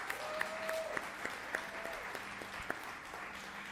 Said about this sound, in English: As a matter of fact, before I go any further, let's give a warm round of applause for all the people working backstage to make these productions happen. They're fantastic.